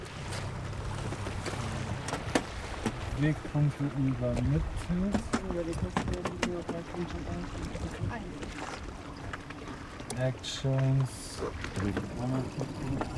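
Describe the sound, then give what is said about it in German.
The two electric motors of a small uncrewed surface drone, with a top speed of 30 knots, whine and rise and fall in pitch as they rev on the water in a harbour, amid steady splashing, wind buffeting and muffled voices. “Ausgestattet mit zwei elektrischen Motoren, erreicht diese Schwimmdrohne eine Spitzengeschwindigkeit von 30 Knoten.”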